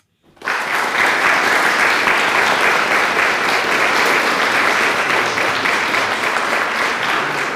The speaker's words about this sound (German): Mit Applaus begann es. Das erste Jugendgremium Weimars. Am Samstag, dem 29. August, kamen etwa 50 Jugendliche im Mon Ami zum Auftakt der Versammlung zusammen.